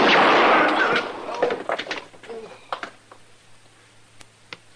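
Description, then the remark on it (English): A single loud gunshot, fired to hit the gun in a man's hand without wounding him, cracks out at the start. Its roar fades over about a second, followed by scattered clicks and clatter over a low, steady hum. “You're not hurt. I hit the gun.”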